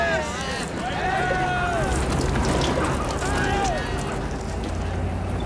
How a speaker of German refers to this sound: Sprengwagen nennen die das.